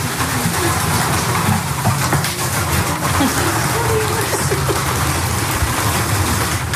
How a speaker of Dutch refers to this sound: Een van hen gaat ons voor de ladder op naar de til. Ja. Ineens staan we midden in de wereld van de duiven.